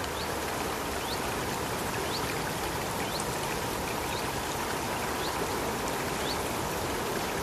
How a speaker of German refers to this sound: Dieser mitteleuropäische Urwald, der steht in Bayern. Dieser plätschernde, zwitschernde Natursound, der kommt aus dem Bayerischen Wald. Wir haben ihn aufwendig aufgenommen